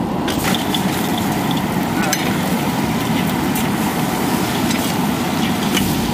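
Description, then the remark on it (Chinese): Chili chicken (la zi ji), a classic Sichuan dish, stir-frying in a wok as an army cooking squad adds it once cooked to about seventy percent done: a loud, continuous sizzle over a steady roaring burner, with a few faint scrapes and clinks of a spatula. Nobody speaks. “炒个七成熟，下入辣子鸡，这颜色又比较鲜亮。”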